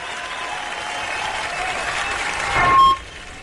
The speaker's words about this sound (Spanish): Un aplauso.